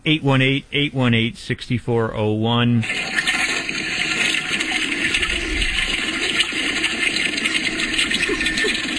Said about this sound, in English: She just flushed a tick.